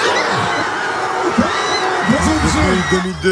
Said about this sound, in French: Les bars étaient remplis, à travers les fenêtres ouvertes, on pouvait entendre les cris de joie après chaque but, avec, à l'issue de la rencontre, la délivrance des supporters.